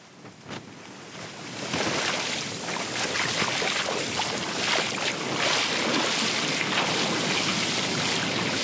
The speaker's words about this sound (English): let's take a listen to a heavy swell encountered in most of Fiji's coastal communities recently